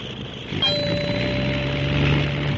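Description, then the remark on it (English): A small remote-controlled model plane motor runs with a steady, high buzzing drone over constant noise. A sharp metallic onset brings in a sustained whining tone partway through. “The motor was stopped for a moment, but it is running perfectly again.”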